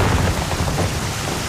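A thunderstorm: a dense, steady roar of heavy rain with a deep rumble of thunder rolling underneath, loud and continuous throughout, with no voices.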